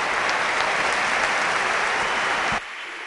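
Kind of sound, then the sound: crowd, stadium crowd applauding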